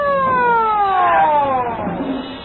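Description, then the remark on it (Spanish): A loud police siren wails in one long, steady downward glide, its tone sliding lower over a couple of seconds against a rumbling background, easing off slightly at the end. “El rumor de una sirena policíaca llega hasta ellos.”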